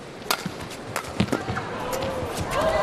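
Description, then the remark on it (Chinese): A few sharp, cracking badminton racket hits by Shi Yuqi on the shuttlecock in a men's singles match, struck downward from overhead: first a driven press, then a flick of the wrist. They are spaced irregularly, with lighter squeaks and taps of footwork over a steady hall murmur that swells toward the end. “他这两拍球啊都是从上向下，但是你看有轻微的小动作，先是一个带抽向下压的这种击球，然后呢又是一个手腕一抖，有点类似于勾球啊，就是变化非常的多。”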